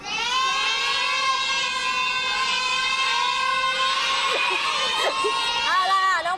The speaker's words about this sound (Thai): หมายเลขอะไรดีคะ เลข7ค่ะ หมายเลข7โอ้กองเชียร์ประสานเสียงกันมาเหมือนนัดกันมากเลย